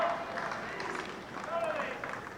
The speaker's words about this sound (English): Crowd starting to chirp up as well. They're always chirpy on the time of the set, though.